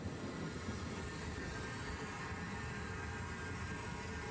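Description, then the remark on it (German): A small train on the seaside resort railway between Bad Doberan and Heiligendamm, Germany, the first German resort railway, built in 1886, rumbles along the line in a steady, continuous roar of wheels and rails, unbroken throughout, with no voices. “1886 erteilte er daher den Auftrag zum Bau der ersten deutschen Bäderbahn, die in nur 6 Wochen fertig war.”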